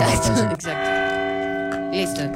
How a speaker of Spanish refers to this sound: Así es cuando anuncian en las monarquías. O cuando hay papa nuevo. O cuando se muere. El papa no es campanas. Suenan campanas. Y cuando se va a acabar el año.